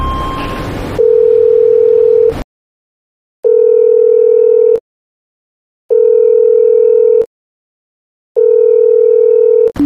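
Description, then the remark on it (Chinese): A mobile phone ringback tone from a call to Director Huang repeats four times, steady buzzing tones of about a second and a half separated by short silences, loud and clear with no one picking up, after a brief burst of noise. “好，我现在就找黄总监，那工作人员用我那个手机，给那个黄总监打电话联系一下。”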